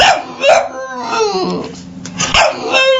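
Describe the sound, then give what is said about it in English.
Puppies yip and whimper in a busy, overlapping chorus of high-pitched squeaks and short barks, fairly loud, with a few sharper yelps punctuating the steady whining. They are adoptable rescue dogs at the NHL's annual Stanley Pup event, 32 dogs representing each NHL team. “It's an annual friendly event featuring 32 adoptable rescue dogs representing each NHL team as they search for their forever homes.”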